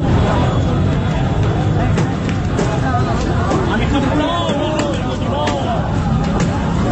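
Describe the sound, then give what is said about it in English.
Loud street crowd noise at night in Beirut, where people on motorcycles attack one another in a Hezbollah protest: a dense, continuous mass of overlapping shouting voices over a steady low rumble of engines, with no pauses across the whole stretch. “And what you're listening to there are people on motorcycles attacking one another.”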